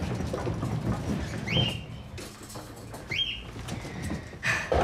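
A cockatiel chirps twice, short rising calls spaced a couple of seconds apart, over a steady background of soft rustling and patter with no talking.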